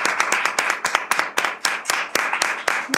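A small group applauds a returning guest, rapid irregular hand claps filling the whole stretch at a steady, moderately loud level, with no talking over them.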